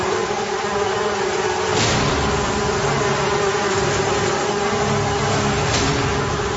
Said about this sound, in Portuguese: E quando Deus viu que o coração de Faraó continuava desobedecendo, Deus mandou em seguida mais uma praga, a quarta praga das moscas mutucas em enxames.